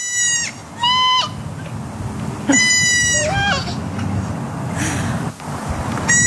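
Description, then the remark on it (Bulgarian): A young goat bleats in short, high, wavering calls, and a girl answers by imitating the bleats, trading several calls back and forth over a steady low outdoor rumble. “Момиченце и козле са си поговорили в кавички на един език, да видим или да чуем, може би.”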